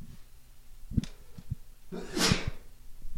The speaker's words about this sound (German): jetzt muss ich erstmal niesen, Entschuldigung.